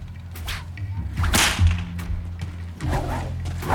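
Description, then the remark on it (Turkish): A whip cracks sharply several times, each snap a loud, bright burst followed by a brief whooshing swing, set against a low rumbling background with no talking. “Bazen kendini bilmezden sizin tekini kırbaçlamak için bunlardan birini hazır tutuyorum.”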